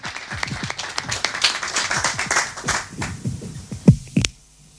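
An audience applauds a woman being introduced and her initiative, with dense, crackling clapping for about four seconds, the claps thinning out toward the end with a few louder final claps before falling quiet.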